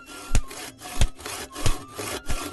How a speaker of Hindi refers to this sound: नदी के किनारे बहुत सारे हरे भरे पेड़ थे और अब घर बनाने के लिए वहां के पेड़ भी काटे जाने लगे।